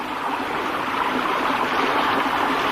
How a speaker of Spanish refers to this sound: Nadie puede ayudarnos. Nos ahogaremos. El agua sube rápidamente.